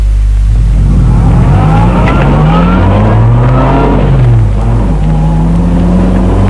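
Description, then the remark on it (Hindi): A car engine revs up loudly as the car pulls away after stopping at a traffic light and is driven faster. Its pitch climbs in rising sweeps as it accelerates through the gears, with faint tire noise underneath. “और अब तेज चलो, फास्टर”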